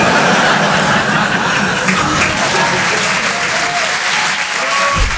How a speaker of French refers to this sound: Non, n'applaudis pas.